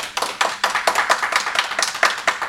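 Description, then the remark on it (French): A small crowd of audience members who have come at least once before claps steadily, the sharp hand claps overlapping in a quick, fairly even rhythm for a couple of seconds with no voices over them. “Par applaudissement des gens qui seraient venus au moins une fois.”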